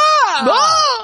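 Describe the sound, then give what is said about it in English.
A man, an NFL player, lets out a loud, strained scream lasting about a second. It is high and harmonically rich, dips briefly in pitch midway, then climbs back up before cutting off. “Dude, well, a scream could ruin a man.”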